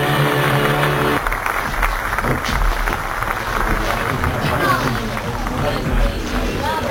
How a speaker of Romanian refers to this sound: Lucia di Lammermoor. Mai e mult până la pauză? Chiar acum cade cortina. Da? Auziți aplauze.